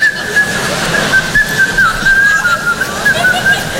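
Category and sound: human body sound, person whistling a tune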